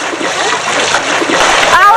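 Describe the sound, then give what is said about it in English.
Loud, continuous splashing as many people on a beach rush out of the sea toward shore, with excited voices and children's shouts mixed into the commotion. “Brody stays on the shore as everyone evacuates the water.”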